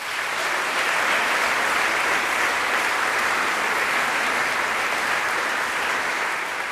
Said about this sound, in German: Das sind zwei Expertinnen, die mit mir über Göttinnen sprechen werden und über weibliche Wut. Einen großen Applaus